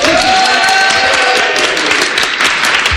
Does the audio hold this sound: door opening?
no